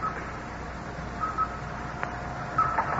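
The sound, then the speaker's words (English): A few short, high electronic blips from a radar screen tracking a returning satellite chirp in pairs over a steady hiss and low hum, with a single sharp click between them. No one speaks. “Listen to the blips on the radar screen.”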